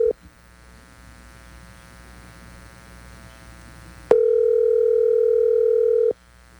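A WhatsApp call ringback tone: a steady mid-pitched beep cuts off, a few seconds of quiet low hum follow, then another loud, steady tone sounds for about two seconds.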